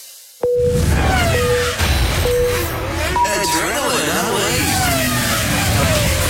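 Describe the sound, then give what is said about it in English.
Go-kart engines at the Big Car Track in Landsborough burst into loud revving, whining up and down in pitch as the karts race and accelerate past, with a voice speaking over the continuous engine noise. “The competition has never been fiercer, with the track open every day. Faster karts.”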